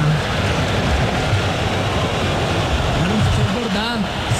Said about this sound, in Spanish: Aquí están las tribunas del Dallas Stadium, escuchen la algarabía doble, hay una fiesta argentina.